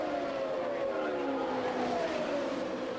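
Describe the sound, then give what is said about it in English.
Indy race cars roar past on the Indianapolis Motor Speedway, car 12 leading car number 9, their whining pitch sliding steadily downward as they go by, a continuous loud drone with no pauses and no clear voices. “the Gould Charge, car 12 leading car number 9 at the Indianapolis Motor Speedway.”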